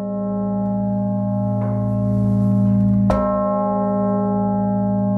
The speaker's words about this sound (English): The historic center will be filled with the ringing of 29 church bells at 5 p.m. Among other things, people will also be able to hear the bishop's bell from the northern tower of the Cathedral of Saints Peter and Paul, which is otherwise silent.